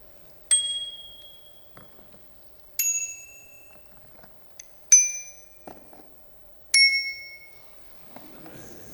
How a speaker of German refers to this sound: Was ist nur aus den guten alten Fahrradklingeln geworden, bei deren Dring-Dring man geradezu instinktiv wusste, dass ein Radler vorbeizurauschen gedenkt?